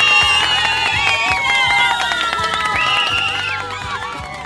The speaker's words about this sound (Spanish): Y se merecen a ellos, por supuesto, un aplauso para nuestros agentes pastorales.